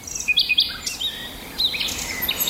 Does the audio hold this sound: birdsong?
yes